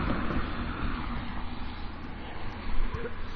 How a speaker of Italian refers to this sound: E le macchine passano e ci vedono camminare col portatile.